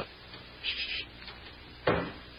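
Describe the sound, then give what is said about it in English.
A front door swings with a brief scraping creak, then shuts with a solid thud about a second later, with no one talking. “Shut the front door. Yes. And she's here.”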